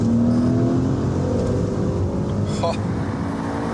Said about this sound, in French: Alors ici, on a la version GTS, on a un V8 dopé par deux turbos qui fait 530 chevaux pour 730 Nm de couple. Alors ça, c'est une chose, mais écoutez-moi juste le son de cette voiture.